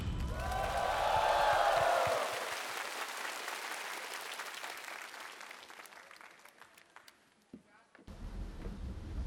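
Loud audience applause on the show Singer 2026, welcoming the first singer to compete, with dense clapping and a few cheers, swelling in the first two seconds and then gradually thinning out, with a brief drop before the clapping resumes at the end.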